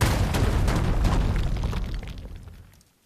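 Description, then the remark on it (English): A rumbling explosion sound effect for a WCSF 88.7 FM Joliet radio station liner, with a dense, crackling low roar that holds steady for about two seconds before fading out into quiet, with no one speaking. “What if we just say the station's name and then you hear some explosions like...”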